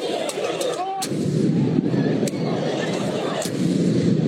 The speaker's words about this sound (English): There were taxi and car windshields all smashed up with people climbing on top of them and box trucks damaged, city bikes destroyed, and fireworks set off all outside of Madison Square Garden.